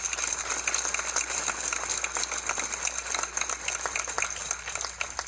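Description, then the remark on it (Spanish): Steady applause from an audience at Plaza Ochoa for the parents present, a dense wash of many hands clapping at an even, sustained level for several seconds without a break or any voices over it. “Un gran aplauso para los papás aquí presentes.”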